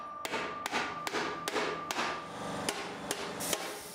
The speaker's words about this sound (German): Ein Hilfswerkzeug, das das Blech im vorderen Bereich formt. Dann kommen schon die ersten Hammerschläge.